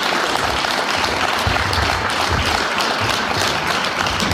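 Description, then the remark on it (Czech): A crowd at the railway depot in Turnov applauds steadily throughout, welcoming a guest who performed on a railway car platform. The dense clapping is loud and continuous with no pauses, filling the whole short stretch without any voices standing out. “V Turnovském depu ho přivítal velký potlesk.”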